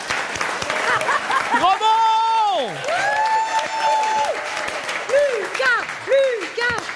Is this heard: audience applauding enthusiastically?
yes